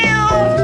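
A single cat meow, fairly loud, with a drawn-out tonal cry that bends in pitch, heard on its own with no talking.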